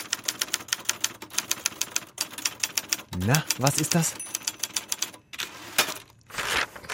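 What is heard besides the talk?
typewriter typing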